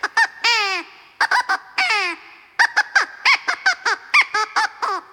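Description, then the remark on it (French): A crow caws hoarsely again and again, a few drawn-out calls followed by a rapid series of short, harsh caws, loud and alone without any talking. “Mais c'est un peu rocasse, Corbeau !”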